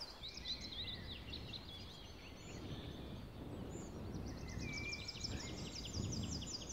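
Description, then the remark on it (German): A sitting magpie gives two bursts of rapid, rattling chatter, one at the start and a longer one near the end, heard outdoors over a steady low rumble of wind or traffic. “Da sitzt eine Elster und Zorro peilt die an und jetzt wird er die verscheuchen.”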